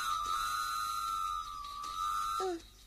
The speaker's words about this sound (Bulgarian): Какво става? Защо свири локомотива? Нищо особено. Влакът ще прескача едно поточе.